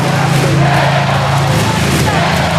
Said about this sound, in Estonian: Ja on kuulda, et Leonile elatakse tugevalt kaasa, ehk siis Leon Marchandile.